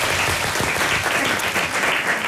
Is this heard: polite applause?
yes